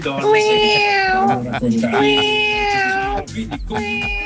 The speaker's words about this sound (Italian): Vabbè, hai parlato di gatti e vengono fuori i gatti.